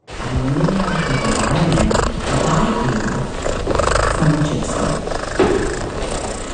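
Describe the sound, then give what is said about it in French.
A cat purrs steadily and loudly, a continuous rumbling drone that keeps going for several seconds with no voices over it. “On entend les ronronnements d'un chat si à moi.”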